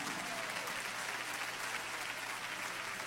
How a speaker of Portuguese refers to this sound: Pronto, Deus abençoe. Palmas para Jesus.